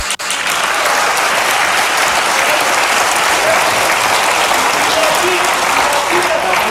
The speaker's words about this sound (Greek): Χειροκροτάει και τον εαυτό της.